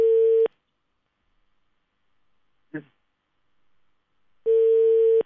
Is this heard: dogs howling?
no